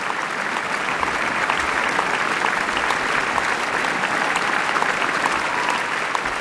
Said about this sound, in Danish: Ja, og ekstra bifald til Lorenzo Viotti, der her for første gang dirigerer Wienerfilharmonikernes traditionsrige sommerkoncert på Schönbrunn.